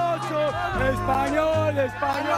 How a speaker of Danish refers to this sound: Ja, hvis man skal være i tvivl, hvis man er i tvivl om, hvad det her det er, så lyder det jo unægteligt som noget spansk jubel. Det er simpelthen lige præcis det der, fordi kampen den endte jo 2-0 faktisk til Spanien.